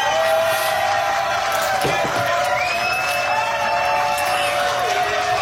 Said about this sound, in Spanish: Un aplauso, loco.